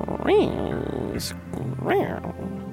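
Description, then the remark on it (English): A human voice imitates a cat, giving two drawn-out, rising-and-falling meows about a second and a half apart, fairly loud. “To meow.”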